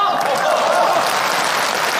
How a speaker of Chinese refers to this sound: 这鼓掌的都是我这样的人。